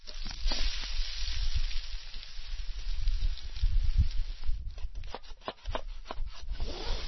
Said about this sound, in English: I can hear him making pancakes.